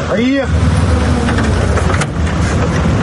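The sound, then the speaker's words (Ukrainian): A car that has come to pick people up drives off with a steady, loud rumble of engine and road noise that fills the whole stretch, a brief whining pitch sweep rising near the start. “Саме звідси нас забирає машина.”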